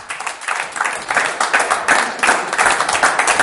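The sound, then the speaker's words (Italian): A crowd applauds as guest musician Simone Avincola is invited onto the stage at an evening event at Bellezza in Milan, many hands clapping in a dense, crackling wash with no voices over it, holding an even level for a few seconds. “E allora un applauso per Simone Avincola che invitiamo sul palco.”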